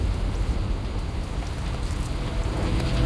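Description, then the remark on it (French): Steady rain falls continuously on an inflatable raft, a dense, even hiss of drops with a low rumbling undertone and no voices. “La pluie qui s'était en fait attendre les premières semaines est à présent omniprésente.”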